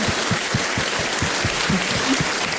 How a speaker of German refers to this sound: Also ich möchte mich auch, das ist dein Applaus